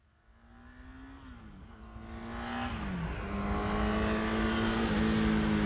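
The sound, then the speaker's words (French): A car engine approaches along a road, its hum growing steadily louder, with the engine note dropping at a few gear changes. No one speaks. “Et je lève la main dès que j'entends une voiture.”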